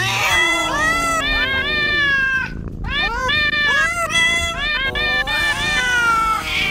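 A rapid string of cat meows strung together into a melody, rising and falling in pitch like a tune, loud and continuous with only a brief pause midway.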